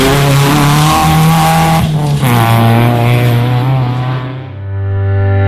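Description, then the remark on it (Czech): Loud autocross race car engines roar and rev continuously on a track in Špionica, with gear-change dips in pitch and possible tire skids, ending in a lower, steadier drone. No one speaks. “6. septembar od 11 sati na stazi u Špionici. Budite dio najveće autocross priče.”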